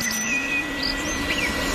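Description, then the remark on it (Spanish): Faint bird song: a few thin, high whistled phrases of a European robin drift in over a steady outdoor rumble and low hum, sparse and irregular. “Petirrojo europeo.”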